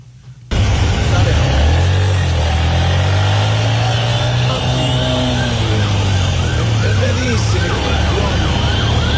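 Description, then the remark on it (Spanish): A loud ambulance siren bursts in after a brief moment and keeps wailing, its tones sweeping up and down in quick repeating cycles over heavy traffic rumble. “Porque vino una ambulancia ahí.”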